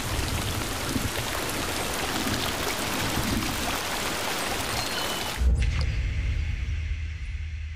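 Heavy torrential wet-season rain in the rainforest of Costa Rica pours down in a dense, loud, steady hiss, then abruptly shifts to a deeper, rumbling roar with the bright spatter fading. No voices.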